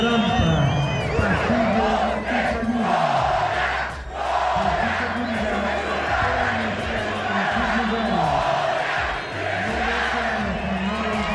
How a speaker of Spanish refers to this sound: Su nombre viene por el Goya, el grito característico en la máxima casa de estudios del país.